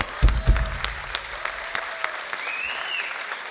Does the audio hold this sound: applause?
yes